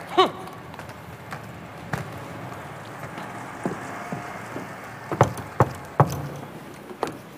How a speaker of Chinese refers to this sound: 听见没有？多么正常不过的敲门。